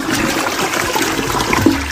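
A toilet flushes, a loud, steady rush of swirling water that fills the whole two seconds without pause, with no voices over it.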